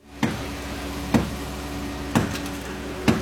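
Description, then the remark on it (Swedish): A man strikes the concrete of a collapsed house with a hammer four times at steady, roughly one-second intervals, trying to make a hole, in La Guaira outside Caracas; each blow a sharp, ringing impact over a constant low background hum. “En man bankar med en hammare för att försöka göra hål i betongen på det raserade huset i La Guaira utanför Caracas.”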